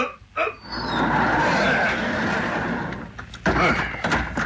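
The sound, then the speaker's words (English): A rusty roll-up garage door rumbles and scrapes steadily downward for a few seconds, then hits bottom with a loud thump followed by a brief rattle. “Let's roll that door down, son.”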